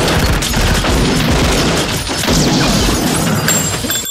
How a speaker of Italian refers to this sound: Ora vi faremo vedere com'è facile e divertente ingaggiare uno scontro a fuoco con le forze dell'ordine.